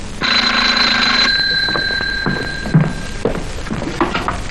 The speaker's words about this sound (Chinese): 玛丽小姐，处长电话